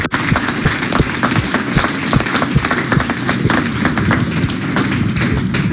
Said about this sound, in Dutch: Mooi. Applaus.